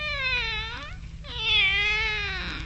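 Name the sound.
cat meowing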